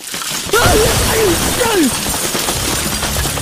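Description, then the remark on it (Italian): A sudden loud crash of a house collapsing, breaking into a sustained rumble of shattering debris, with a few short rising and falling tones through the noise. “È crollata la casa di Faustina con la ruttoreggia tua!”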